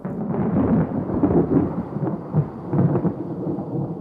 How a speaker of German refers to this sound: Gewitter stehen am Himmel.